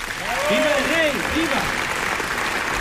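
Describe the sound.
Sustained, dense applause, an ovation from a large crowd in the packed Palacio de las Cortes for Alfonso XIII after he swears to uphold the Constitution, at a steady level, with a few raised voices briefly calling out over the clapping near the start.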